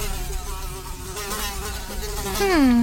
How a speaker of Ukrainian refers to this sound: Мухо, дивно, у мене таке враження, ніби саме цю муху я вже десь бачила.